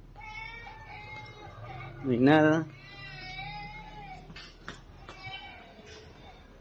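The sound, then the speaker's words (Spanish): Inside an empty company building, a single loud, high, wavering wail like a child crying rises and falls for about half a second over a steady background hum, with a person speaking briefly afterward. “Nuevamente recorriendo la empresa y otra vez, algo se escucha, solo que esta vez no es una voz, es un llanto infantil que parece provenir de algún punto dentro del edificio vacío.”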